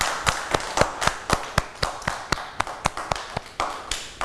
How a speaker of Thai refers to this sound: เด็กๆเก่งมากเลยค่ะปรบมือให้ตัวเองด้วยค่ะ